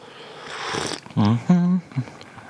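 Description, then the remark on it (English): A long, airy slurp of a hot drink from a china cup after biting into a cream-filled biscuit, fairly loud, followed by a couple of short voiced sounds like a contented 'mmm' or 'ahh'. “Then, you pick up your china cup again, as so, and have a nice deep slurp.”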